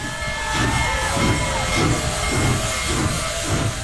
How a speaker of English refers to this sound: The locomotive is called Big Boy Number 4014. It left Denver Wednesday morning and arrived at Greeley's 10th Street crossing. Hundreds of spectators cheered as the locomotive bellowed black steam and rang its bell.